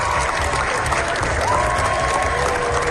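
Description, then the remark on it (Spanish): Sustained applause from a large crowd at Cannes, a 20-minute ovation for Los Javis and their film La bola negra: a dense, steady wash of clapping that stays loud throughout, with a faint whistle-like tone rising partway through. “Los 20 minutos de aplausos que se llevaron ayer los Javis en Cannes.”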